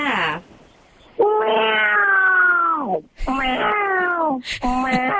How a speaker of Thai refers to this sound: คือต้องมีเสียงแมวด้วยใช่ไหมคะ ใช่แล้วแมวจริงก็มีอยู่เนี่ยในกระนั่งนอนฟังเลยเนี่ย